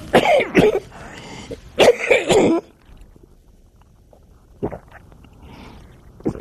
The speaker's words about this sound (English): I better get my cough off.